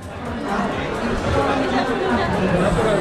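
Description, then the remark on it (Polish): A steady hubbub of many overlapping voices at a job and entrepreneurship fair at the Stadion Narodowy with over 100 exhibitors, constant and fairly loud, with no single speaker standing out from the murmur. “Ponad 100 wystawców, wiele wydarzeń i tłum ludzi, co zapewne mogą Państwo poznać po gwarze, który panuje wokół.”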